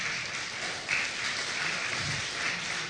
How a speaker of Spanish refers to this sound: Dile que está a tu lado, dale fuerte aplauso, amén.